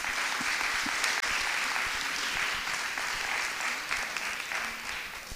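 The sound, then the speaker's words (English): Sustained audience applause for the Hill House Association in the LCH Hillman Auditorium at the Kauffman Center, a dense steady patter of many hands clapping at once, loud and continuous without any voices breaking through. “Please join us in a warm round of applause for the Hill House Association.”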